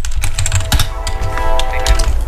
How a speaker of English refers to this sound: And there's another train. Yeah.